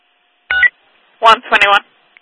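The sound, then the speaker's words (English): Three short, bright tonal beeps like a phone keypad being dialed, one quick tone followed by a pause and then two longer ones close together. A voice seems to imitate the beeps. “I'm calling you”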